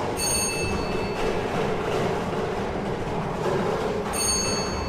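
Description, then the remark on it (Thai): A lottery ball drum, spun by a lottery drawing official for the first time to mix the balls, turns with a steady, loud rumbling clatter of tumbling balls, with a thin high-pitched squeal at the start and again near the end. “พนักงานออกเลขรางวัลกำลังทำการหมุนอุปกรณ์วงกลมเป็นครั้งที่1เพื่อเฮ็ดให้หน่วยบานทั้ง6หน่วยบานได้สลับกันไปมา”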